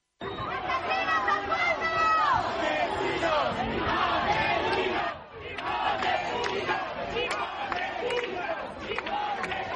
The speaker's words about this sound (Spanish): amplio dispositivo policial para tratar de contener a los activistas radicales aquí concentrados, que no han dudado en intentar romper el cordón policial, empujándoles, insultándoles con gritos de asesinos, fascistas, sinazis. Esto es lo que decían.